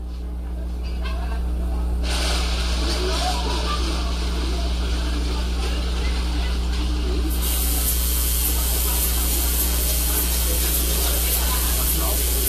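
A loud, continuous hiss of steam spray starts after a couple of seconds and grows brighter and harsher partway through, over a steady low mechanical hum.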